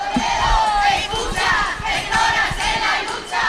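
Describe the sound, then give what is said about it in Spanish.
A crowd of about 200 protesters in Toledo, Spain, chants and shouts together against the city council's neglect of cat colonies, many voices blending into a loud, steady roar with rising and falling rhythmic calls throughout. “Unas 200 personas se han manifestado este fin de semana para protestar por el abandono de las colonias de gatos por parte del Ayuntamiento de Toledo.”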